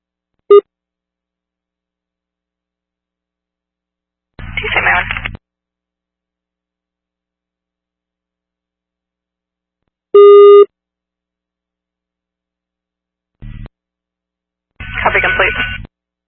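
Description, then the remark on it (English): Two steady electronic phone tones sound about ten seconds apart as a phone call goes to voicemail, with brief bursts of crackly radio noise in between and long stretches of silence. “The car, the call went to voicemail.”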